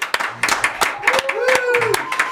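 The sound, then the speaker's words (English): A brief round of applause from a small group of studio engineers, who open the studio door after a live session: scattered irregular claps, with cheering voices and a rising whoop or whistle over the clapping. “Open Studio One's door and lend a round of applause.”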